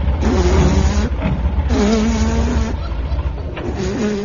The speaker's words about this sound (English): At last, a car.